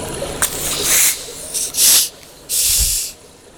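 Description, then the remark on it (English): Bottles of water are uncorked together one after another, each release giving a loud burst of fizzing hiss. Three or four sharp hissing rushes come in quick succession, with no talking. “Okay, so we'll uncork these together.”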